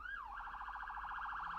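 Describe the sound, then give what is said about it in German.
The siren of a New York police patrol car, driven on remote roads across West Pomerania, Poland, starts with a rising and falling sweep, then switches to a rapid, steady warbling wail, loud and continuing throughout with no talking. “Eigentlich darf er die Sirene gar nicht einschalten, aber auf abgelegenen Straßen macht Dariusz Marcinkiewicz das manchmal. Mit dem New Yorker Streifenwagen quer durch Westpommern.”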